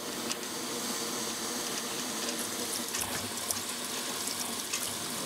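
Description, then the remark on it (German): A steam locomotive, parked at a station and standing still for about an hour, hisses in a steady, broad rush from its pressure regulator, with a drain valve adding faint, irregular rattling clicks over the top. No one speaks. “da sind immer irgendwelche Geräusche, hier an Druckregler, die Entwässerungsventil klappert da vor sich hin und irgendwas rauscht immer”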